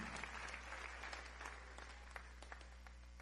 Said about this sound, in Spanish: Este auditorio de la Claro School le enviamos un caluroso saludo. Amén. Así que, ¿cuántos le envían ese saludo? Fuerte aplauso.